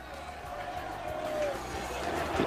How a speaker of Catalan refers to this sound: els jugadors que van arribant a poc, ho fan tot plegats, però caminant, el bus ha aparcat de fora, moltíssima gran ovació també per Arriaga, l'hondureny, canta l'afició del Llevant.